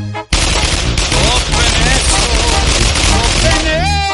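A loud, sustained burst of rapid gunfire crackles for several seconds, shots packed densely together, with wavering tones rising and falling in the background.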